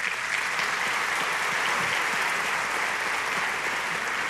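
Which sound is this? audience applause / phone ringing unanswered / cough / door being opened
audience applause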